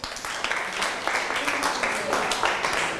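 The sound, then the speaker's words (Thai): A group claps together in steady, dense applause for about three seconds, a busy crackling patter of many hands that holds at a fairly even level throughout. “ได้ครั้งต่อไปแล้วก็นำถุงนี้กลับไปใส่ของได้อ่ะปรบมือครับ”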